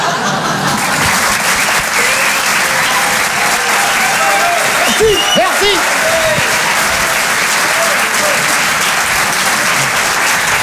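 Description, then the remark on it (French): An audience at the Rire et Chanson Comedy Club applauds comedians loudly and steadily for about ten seconds, a dense unbroken wash of clapping, with a few brief whoops or whistles rising above it midway. “On peut les applaudir très très fort, les glandeurs naturels.”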